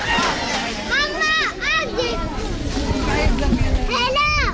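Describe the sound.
Children playing and shouting on crowded sports courts, with high-pitched cries and calls rising over a dense, continuous murmur of many young voices.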